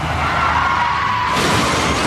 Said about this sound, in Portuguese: Chefe está capotando. Se for dirigir, não mexa no celular.